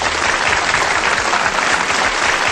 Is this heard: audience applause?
yes